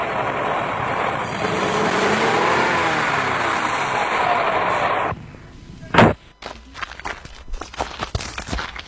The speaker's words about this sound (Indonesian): Laju kendaraan kami agak melambat ketika berpapasan dengan mobil angkutan umum yang mengangkut anak sekolah yang menuju ke arah kota Gorontalo karena jalannya tidak terlalu lebar.